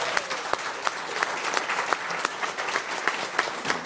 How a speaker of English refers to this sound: And just a round of applause for